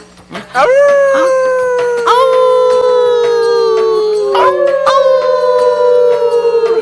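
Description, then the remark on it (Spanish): Long sustained howls from a voice imitating a wolf while learning to howl like one, gliding slowly downward, with overlapping howls joining in after a short gap, loud throughout. “¡Sigue aullando, Sabu! ¡Ya casi pareces un lobo de verdad!”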